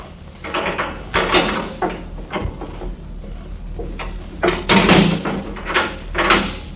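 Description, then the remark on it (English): A heavy door opens as a prisoner is brought in, with a series of loud clunks and rattling creaks, several bursts in uneven rhythm over a low rumbling background, with no voices. “She is just outside the door.”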